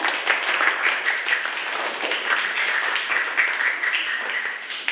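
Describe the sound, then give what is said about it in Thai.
A group of students in a classroom clap their hands after watching an educational video on hidden stitching, a dense, steady round of applause for several seconds without pause. “นักเรียนคะเราก็ชมวิดิทัศน์จบไปแล้วนะคะขอบคุณสื่อเพื่อการศึกษาดีๆในครั้งนี้นะคะปรบมือค่ะ”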